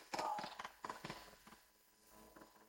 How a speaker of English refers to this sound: Stamp your feet, let me see. Let me hear the stamping of feet.